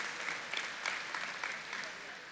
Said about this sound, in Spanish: Denle un aplauso.